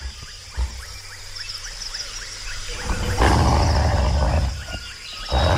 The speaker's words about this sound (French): J'ai jamais vu un loup aussi gros. Heureusement que nous sommes armés.